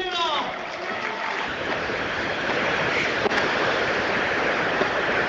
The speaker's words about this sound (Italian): Applausi timidi.